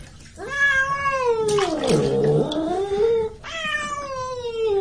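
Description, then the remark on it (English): A cat being bathed in water yowls in long, drawn-out wails, loud, rising into a harsher, strained cry in the middle before settling back into a sustained plaintive howl. “Well, the cats don't like to be washed. They scratch, you know, and they bite if they have a chance.”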